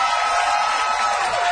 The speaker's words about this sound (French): Vous allez bien, tous? Bravo, vous pouvez applaudir